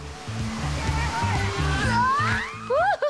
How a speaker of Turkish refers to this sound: 25 kilometrelik efsanevi rafting parkurunun sonunda ödül olarak gördüğünüz manzara... ...kanyonun duvarlarından görkemli şekilde akan bir şelale.